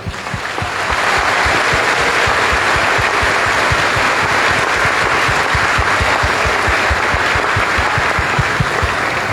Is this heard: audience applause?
yes